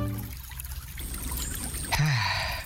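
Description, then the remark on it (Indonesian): River water trickles and burbles steadily along a riverbank by a quiet village in the late afternoon, a continuous babbling flow with a brief louder splash near the end and no voices. “Di tepi sungai di sore hari.”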